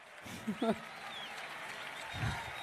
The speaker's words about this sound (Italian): Li accogliamo con un applauso.